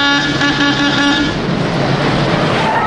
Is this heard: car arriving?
yes